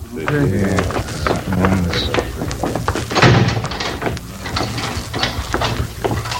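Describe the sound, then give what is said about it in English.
A heavy door is worked open with a run of metallic clanks and ratcheting clicks, then slams shut with a loud thud about halfway through, followed by more rattling. “I'll get the door.”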